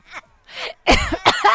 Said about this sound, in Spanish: Me dio la tos. Ya. Oigan, ya cuando la risa termina en tos, ya cuídate, vida.